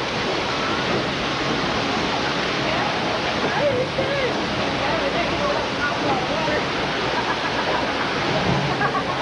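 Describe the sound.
Loud, continuous roar of rushing floodwater surging steadily down a channel, a dense wash of churning noise with a faint voice or two buried underneath.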